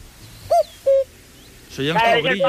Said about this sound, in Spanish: ¿Por qué reloj de cuco? Es un cuco común y corriente. A ver, sonaba reloj de cuco, pero faltaba el sol a 12 en punto. Escúchalo otra vez, ya verás. Mira, a ver si lo podemos oír. Es un cuco. Es lo que es lo que da origen al reloj de cuco.